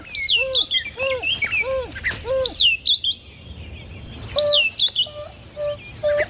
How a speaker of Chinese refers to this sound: 是非洲野犬首领在召唤同伴。